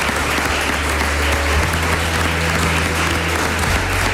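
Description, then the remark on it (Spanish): Sustained applause from a live audience at a La Brújula broadcast in Murcia, dense and steady clapping for several seconds, loud with no talking over it. “Pues un aplauso, ya que no le hemos dado nada.”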